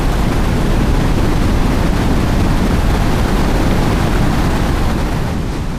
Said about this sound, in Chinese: 这些瀑布被本地人称为第三贝，意思就是烟雾缭绕的水。水雾使得这些岩石格外湿滑，如果我落进这样湍急的水里，可能会一下子就被冲到下游，根本来不及救援。